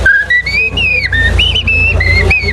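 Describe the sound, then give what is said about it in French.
A person whistles an imitation of a common blackbird's song, a series of clear, fluting phrases that rise and fall, fairly loud over a low background hum. “Et alors que si c'est un grand arbre plus vieux, on aura le merle noir.”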